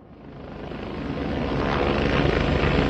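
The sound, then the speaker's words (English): A Coast Guard helicopter's rotor beats in a steady, rapid thumping over a broad engine roar, growing louder as it approaches and passes overhead, with no voices. In Louisiana, hours after Hurricane Katrina. “Hours after Hurricane Katrina had passed through Louisiana, a man named Marty Bamunde stepped off of a Coast Guard helicopter.”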